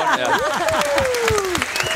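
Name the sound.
audience clapping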